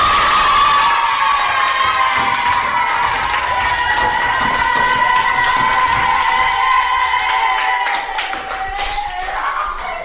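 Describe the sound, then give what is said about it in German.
In a story, all the animals cheer and whoop with high, excited voices over steady clapping after a little owl finishes her piece, loud and continuous for about ten seconds before easing slightly at the end. “Wo sie mit ihrem Stück fertig war, haben alle Tiere ganz begeistert geklatscht und gejubelt.”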